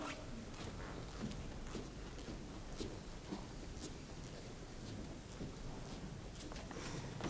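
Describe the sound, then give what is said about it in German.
A stormy sound effect of continuous rumbling thunder with a dense, hissing rain-like texture, holding steady and loud for several seconds with small crackling bursts and no voices. “Den strafen die Götter durch Donner und Blitz.”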